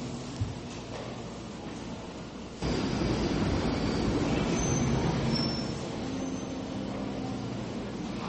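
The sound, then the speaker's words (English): A London Underground train rumbles at a platform, its steady roar swelling louder partway through, with faint metallic wheel squeals and whines drifting over the noise. No one speaks. “Anyone who's ever been to England to the subway knows that warning, mind the gap.”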